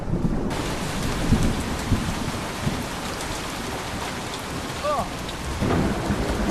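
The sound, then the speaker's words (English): A heavy downpour roars steadily, with deep rumbles of thunder rolling underneath and swelling in bursts. No one speaks. “Hey, I've not seen rain like this in quite a while.”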